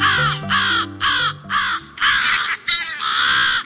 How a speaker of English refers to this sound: You're hearing American crows defending their nest, protecting their young.